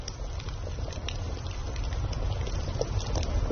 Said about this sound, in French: Écoutez, c'est le soir, vous êtes assis autour d'un feu de camp. Un léger glouglou régulier, chaleureux, rassurant. C'est une cocotte qui mijote sur un feu qui crépite.